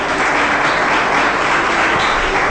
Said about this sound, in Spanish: Denle fuerte ese aplauso a Jesucristo.